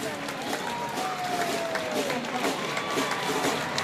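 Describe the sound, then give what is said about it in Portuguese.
A crowd applauds a performance by boys and girls steadily for about four seconds, a dense, even wash of many hands clapping, with a thin whistle-like tone gliding through partway and a murmur of voices beneath. “Uma bela atuação destes meninos e meninas que merecem mais uma grande salva de palmas.”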